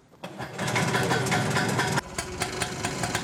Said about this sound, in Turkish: Ya motor ne alemde? Tamam, o işi bana bırak. Bu bir 191 cc'lik saç motoru. İki zamanlı, yani küçük bir motosiklet motoru gibi.